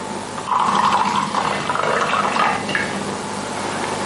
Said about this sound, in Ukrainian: По черзі ногою зі столу бере пачку соку і горня, відкручує кришку, наливає і п'є.